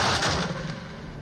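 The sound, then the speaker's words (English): A single hard impact as an arrow shot from a bow thuds into the wooden leg of a manji, a platform, bursting out loudly and then fading into a rough, rumbling decay over about a second. No voices are heard. “The arrow soared through the sky and came down hard into the wooden leg of the manji, the platform, on which the generals were sitting.”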